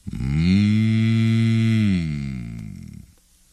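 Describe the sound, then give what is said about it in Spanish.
A voice imitates a bull's long, low yawning moo, a single deep drawn-out groan that holds steady for about two seconds before sagging and fading out. “Bostezaban los toros.”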